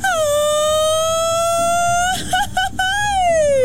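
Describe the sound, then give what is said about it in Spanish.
A lone voice lets out a loud mariachi-style grito: a long, high sustained cry that climbs slowly, breaks into a few quick warbling yelps, then slides downward to finish. “Un grito de mariachi, ya saben, a ver si me sale, ¿eh? El clásico.”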